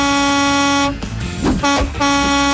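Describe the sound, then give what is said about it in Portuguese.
A loud truck air horn blares in long, sustained blasts with a brief broken gap in the middle, harsh and brassy, with no voices. “nossos amigos caminhoneiros aí sintonizados aqui na Paz FM, olha aí, ó.”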